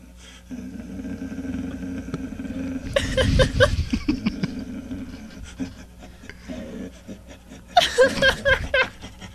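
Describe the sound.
A man's voice mimics a dog, played from a sound-effect archive on the radio: a low, raspy growling and panting stretch, then a burst of loud, rough barks, a quieter huffing patch, and a final cluster of harsh barks.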